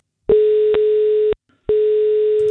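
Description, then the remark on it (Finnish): A steady electronic telephone ringing tone of an outgoing call placed by Radio 957 to a contest winner: a long, loud beep of about a second, a short pause, then the tone starting again, with no one speaking. “Nyt on aika soittaa yhdelle kisan voittajalle.”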